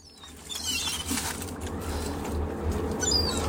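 Seagulls calling: a couple of brief, high, squealing cries at the start and again near the end, heard over a steady rushing background noise with soft pattering. No one speaks.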